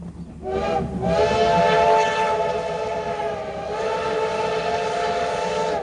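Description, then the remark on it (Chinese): The black CT273 steam locomotive of Taiwan Railway rolls past through the Huatung (East Rift) Valley and rice fields on the summer Formosa Express trip, its whistle blowing one long, loud, sustained blast over a steady low rumble of the train. No one speaks. “黑色车头穿越了花东纵谷和稻田，蒸汽火车跟自然景色交织，也成了每年仲夏宝岛号出行的最大亮点。”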